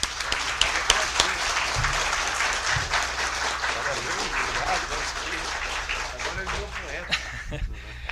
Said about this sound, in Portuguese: Eu peço uma salva de palmas para o deputado.